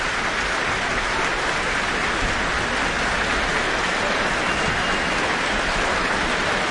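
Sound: audience cheering and applause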